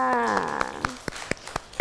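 Children clap their hands in a steady, even rhythm, about eight sharp claps. A drawn-out voiced tone slides downward in pitch beneath the first half of the clapping.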